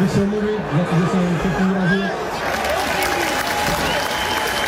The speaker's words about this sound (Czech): Sklidil nakonec Jurásek od příznivců Sparty potlesk a naopak rozlobil slávisty na sociálních sítích, kterým se nelíbilo, že se za svou minulost v Edenu omluvil.